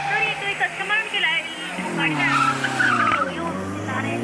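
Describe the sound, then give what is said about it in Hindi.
Loud, sustained tires squealing as a car that has gone out of control skids, the high wavering screech running continuously for several seconds with a voice faintly audible underneath. “Meri gaadi out of control ho gayi hai.”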